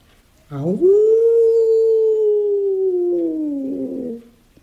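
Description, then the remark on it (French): A single long wolf howl in a forest at night rises quickly, then holds a steady, gently falling tone for about four seconds before fading out. It is loud, with no talking over it. “Mais moi, grand coq noir, je n'ai pas peur du loup, parce que j'ai la solution.”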